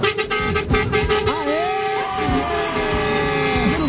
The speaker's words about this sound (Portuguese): Bom dia. Bora iniciar esse buzinaço.